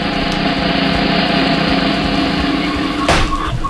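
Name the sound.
motorcycle engine revving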